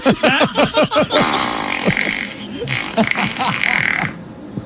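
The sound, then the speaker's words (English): A loud fart sound effect opens with a rapid string of sputtering, croaky pulses, then trails into a rougher, noisier rumble over a busy background. “Who do you want to fart on?”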